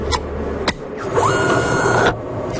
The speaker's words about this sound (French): Le projectile est entré dans la machine et la petite porte s'est refermée derrière.